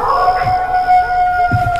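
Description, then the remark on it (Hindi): Long, sustained howls from several jackals and wild animals in the jungle beside a deserted road late at night overlap in a steady, wavering chorus, with faint low rustling underneath. The cries hold a high, drawn-out pitch throughout. “जिनमें से जंगली जानवरों और सियारों की रोने की आवाज आ रही थी।”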